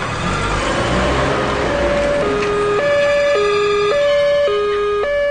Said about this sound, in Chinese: 伴着凌厉的警报声，120救护车高速地驶过喧闹的街道。